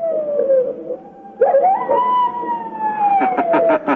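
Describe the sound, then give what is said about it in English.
A human voice imitates baying hounds, made to sound as if they are coming back across the moor: long, loud howls that slide downward in pitch, a second rising-then-falling howl, and a quick run of short pulsing yelps at the end. “Don't you want me to do the hounds again?”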